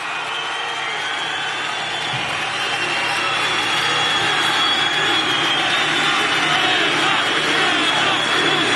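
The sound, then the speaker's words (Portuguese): A dense, steady wash of applause from a large crowd of party supporters at the Missão party convention, applauding presidential candidate Renan Santos's speech, heard on the Globo News broadcast. It is loud and continuous throughout, with no single claps standing out and a faint murmur of voices underneath. “Ele continua seu discurso longo, você ouve na transmissão da Globo News e agora sendo aplaudido pelos correligionários.”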